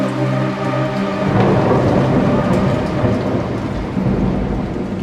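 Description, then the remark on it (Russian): Heavy rain pours down steadily while a deep, rolling rumble of thunder swells in and lingers, loud, with no voices present. “ты молчишь под проливным дождем.”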